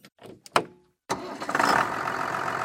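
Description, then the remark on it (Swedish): A few sharp cranking bursts and a brief pause, then a heavy tractor engine catches and roars into a loud, steady rumble, at a tractor quiz-trail event with tractors and wagons at the community hall in Mo, Ockelbo, Sweden. “Ja, det blir väl att komma med traktorer och vagnar så folk kan komma och åka och svara på frågor efter sträckan då.”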